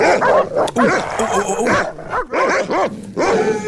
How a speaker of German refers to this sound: Du hast nicht so krasse Hunde, die so bellen, ja? Deine Hunde bellen sanft.